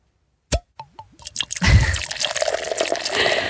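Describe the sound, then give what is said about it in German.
A few distinct drips plop into a glass, then a sparkling drink pours in steadily, its fizzing, bubbling hiss building and carrying on to the end, close and fairly loud with no voices. “Apropos perlen lassen.”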